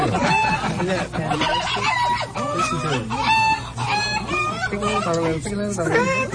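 A dense flock of chickens clucking and squawking continuously, with overlapping calls and occasional crowing, loud, filling the whole recording with busy, chattering noise.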